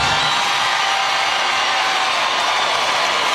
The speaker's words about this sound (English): People cheering for no reason. I said free Palestine.